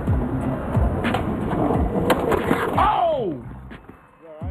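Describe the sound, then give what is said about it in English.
A skateboard rumbles over concrete during a warm-up trick, then a sharp slam as the rider crashes and his head hits the concrete, with voices and a rising, falling cry breaking through the noise afterward. “Nothing is worse than a head slamming concrete.”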